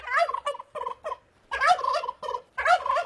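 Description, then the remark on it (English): A heritage-breed turkey in Darwin's rural area, Australia, gobbles in a series of rapid, warbling bursts, loud, with brief pauses between calls and no voices. “Because a turkey breeder in Darwin's rural area is working to preserve a heritage breed of this bird, which has got strong roots in the history of Australia's agricultural shows.”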